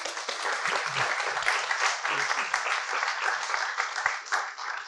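A crowd applauds steadily for about five seconds, a dense, even wash of many hands clapping at once with no voices rising above it.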